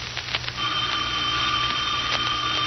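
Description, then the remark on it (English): A telephone rings with a steady, insistent electric tone that starts after a brief rattle and holds at an even loudness to the end, with no one speaking. “At the phone. I won't answer it.”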